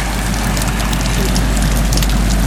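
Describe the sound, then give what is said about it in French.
Waves wash back over the shore in a steady rush of water, with a deep low roar and faint crackling fizz on top, continuous throughout. “J'entends le ressac. Comment on appelle ça le bruit des vagues de ressac ?”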